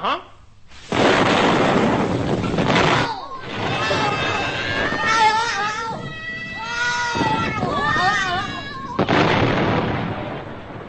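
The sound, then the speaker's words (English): A giant capsule being exploded: a loud explosion roars out with a sustained rumbling blast, followed by warbling, wailing vocal sounds like meowing, then another heavy burst of explosive noise at the end. “The giant capsule was today exploded and went bang.”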